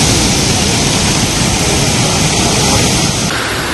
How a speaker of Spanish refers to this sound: Así entraba el mar en el paseo de ese barrio del sureste de Gran Canaria, colándose en algunas casas y dejando vídeos curiosos de esas olas en las redes sociales.